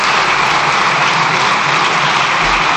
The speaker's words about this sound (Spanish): Se extienden los diputados en el aplauso.